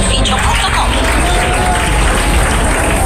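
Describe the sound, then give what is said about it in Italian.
A stadium crowd at Viola Park applauds steadily for two Fiorentina Primavera substitutions in the 85th minute of a youth championship semifinal against Bologna, Fiorentina leading 2-0: a dense wash of clapping blended with a low murmur of voices, holding at an even level throughout. “Gli applausi che sentite sono per i due cambi della Fiorentina Primavera, che avanti 2-0 all'85esimo al Viola Park in questa semifinale scudetto.”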